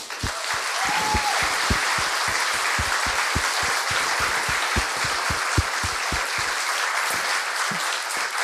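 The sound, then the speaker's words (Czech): Steady, dense applause from a crowd honoring a colleague, many hands clapping at a loud, even level for several seconds with no talking over it. “Prosím, potlesk pro ní.”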